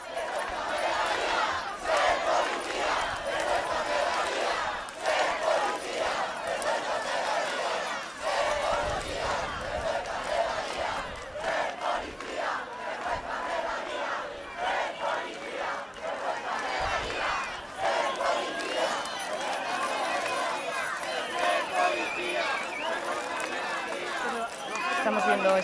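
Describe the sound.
A large crowd of protesters marching in Valencia, having reached the Palacio de las Artes, shouts and chants continuously, voices overlapping in a loud, steady roar with rhythmic surges of slogans and scattered yells throughout.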